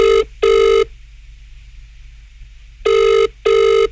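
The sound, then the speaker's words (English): Two rounds of a double-pulsed ringing tone, the steady electronic burr of an outgoing phone call being made to Falcon, loud and clear with a quiet pause between the pairs and no voices. “So let's make a phone call to, where are we making a phone call to, Dara?”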